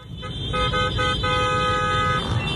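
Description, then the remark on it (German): Street noise on the Champs-Élysées in Paris on a hot Thursday evening as dozens of PSG ultras ride motorcycles with flags and flares: car horns honk in short repeated blasts over a continuous low rumble of motorcycles and traffic; the horns are loud and overlapping, with no talking. “Auf Motorrädern und mit Fahnen und Bengalos in den Händen sausten Dutzende PSG-Ultras am Donnerstagabend schon mal über die Champs-Élysées und am Eiffelturm vorbei.”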